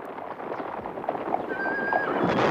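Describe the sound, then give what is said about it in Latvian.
A horse whinnies with a high, wavering cry partway through, while hooves clop steadily underneath amid a dense, noisy outdoor din that grows slightly louder toward the end. “Un tagad kāp zirgā trusīt. Jā, zirgos! Zirgos un veicīgāk!”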